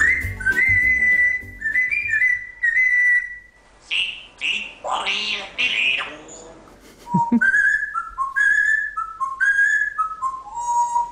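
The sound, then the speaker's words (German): A Congo grey parrot whistles a bright, tuneful melody in clear, sliding notes, with a brief burst of squawky chatter midway before the whistled tune resumes, fairly loud. “Das ist ein Kongo-Graupapagei und Jakob hat's voll drauf. Der pfeift jeden Tag seine Lieder.”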